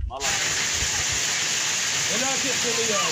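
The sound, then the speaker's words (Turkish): A heavy downpour of rain turning to hazelnut-sized hail roars steadily after a brief start, a dense hiss, with faint voices murmuring underneath toward the end, in the Boğazlayan district of Yozgat, Turkey. “Yozgat'ın Boğazlayan ilçesine sağanak yerini doluya bıraktı.”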